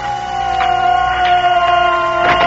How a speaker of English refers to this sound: Sister, these sirens. Shall we attempt to take the babies to the shelter?